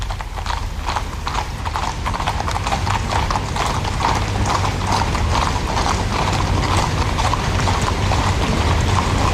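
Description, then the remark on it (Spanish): Many horses' hooves clip-clop in a steady, overlapping rhythm as the mounted unit of the Spanish Royal Guard, with grey, chestnut and Hispano-Breton horses, passes in a parade, loud and continuous with a faint low rumble beneath. “lleva un estandarte en el cual vemos los crines de las tres diferentes capas que conforman el servicio a caballo de la Guardia Real.”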